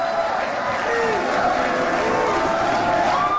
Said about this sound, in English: Can you tell by the reaction of the crowd? They've heard this Natalie thing before.